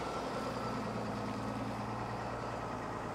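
A heavy diesel machine runs steadily with a deep, droning engine rumble and a low hum, holding constant without pauses and no voices.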